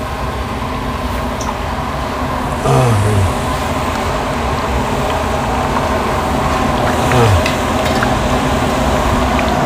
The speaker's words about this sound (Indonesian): Untuk proses penggorengan paru ada 2 tahap. Pertama, goreng setengah matang.